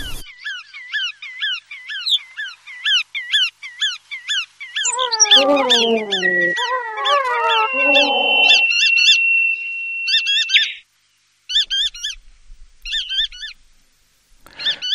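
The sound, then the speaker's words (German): Bar-tailed godwit calls ring out in rapid, repeated high chirps, joined midway by a cluster of lower, harmonic wailing notes and a long steady whistle, then sparse bursts of calls near the end. “Und damit der Vogel der Woche, der Iron Man unter den Zugvögeln, allemal unter den Wartvögeln, die Pfuhlschnepfe.”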